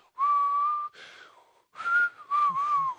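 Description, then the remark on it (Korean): A man whistles a clear, melodic tune by mouth in several phrases, the pitch sliding and wavering, with short pauses between; fairly loud, no talking. “오늘 박스에서 들린 소리는 바로 요 입으로 부는 휘파람.”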